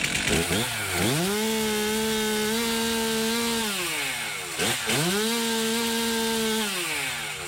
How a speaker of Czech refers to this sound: Je to tak, motorové pily, vždyť je to vlastně svého druhu taky motodisciplína.